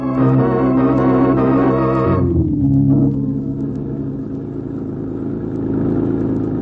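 A car engine revs hard and accelerates, its whining pitch dropping abruptly as it shifts, then settling into a loud, steady low rumble.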